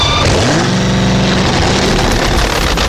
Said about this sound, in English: Imagine a 1,700-pound fiberglass Chevrolet Vega. Put in a 2,000-horsepower supercharged drag racing engine. Pour in high-explosive exotic fuel. Cap it quick.